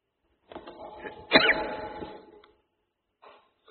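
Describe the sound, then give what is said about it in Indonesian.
A single forceful sneeze bursts out after a brief breathy build-up, then trails off into quieter rustling, followed by a faint short sound near the end. “Alhamdulillah. Yahdikum wasallam.”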